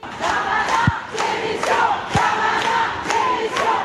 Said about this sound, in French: Et ici, différents chants sont repris par la foule, notamment un...